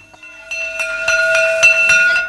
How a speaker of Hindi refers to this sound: School की घंटी सुनकर वो बस्ता थामे हुए दौड़ पड़ा।